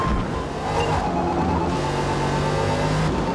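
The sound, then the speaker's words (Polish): A rally car engine, more powerful than a Subaru's, roars steadily under heavy throttle as the driver keeps giving it too much gas, loud, with a dense mechanical rumble and gritty road noise for the whole stretch, and no voices. “Ciągle próbuję mu zadawać za dużo gazu. Gap 2. Bo jednak ten samochód ma no trochę mocniejszy silnik niż to Subaru.”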